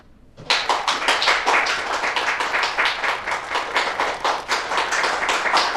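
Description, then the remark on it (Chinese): Steady audience applause for a man invited up to tell of his own experience starts abruptly after a brief quiet moment, a dense crackle of many hands clapping at a consistent loud level for several seconds with no voices. “大伙儿都别鼓掌了”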